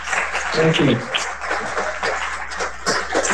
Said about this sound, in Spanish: Un aplauso para los presentes, por favor.